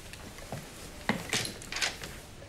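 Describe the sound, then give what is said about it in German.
A door is opened with a few short knocks and clunks of wood and a latch, with no talking. “machen Sie bitte die Tür auf.”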